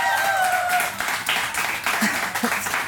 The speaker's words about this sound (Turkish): bir alkışlayalım.